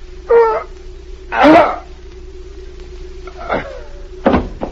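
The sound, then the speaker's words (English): A few strained, gasping vocal sounds from a poisoned man are followed near the end by a single dull thump of his body falling off a chair, all over a low, steady electrical hum. “he's fallen off the chair.”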